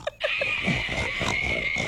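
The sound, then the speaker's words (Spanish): A small black pig grunts in short, low snorts over a steady high-pitched hum, a few grunts in quick succession followed by rougher, drawn-out snuffling. “Ahí está el cerdito negro. No sabía si era un Raro. Señor borracho o era el cerdo.”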